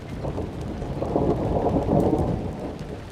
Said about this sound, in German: Ob es zu Hause auch regnet? Nicht unbedingt. Kann auch eine lokale Gewitterzelle sein. Ein paar Kilometer weiter ist alles wieder gut.